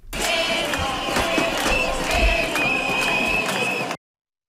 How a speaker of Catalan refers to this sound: I mentre la consellera parlava a les Corts, la marxa de docents, convocada un dia més pels carrers del centre de València, ha arribat a les portes d'un hemicicle blindat per la policia. Escoltem breument el soroll de la protesta.